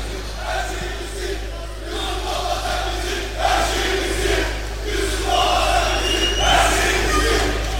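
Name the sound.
audience applause and cheering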